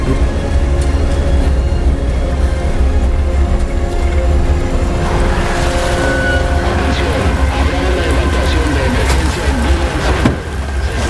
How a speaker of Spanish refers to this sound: Viene un camión.